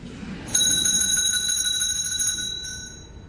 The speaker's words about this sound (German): Es läutet. Da kann ich Sie beruhigen, Herr Direktor. Das liegt nur daran, dass wir eine Glocke haben. Das ist nichts Besonderes.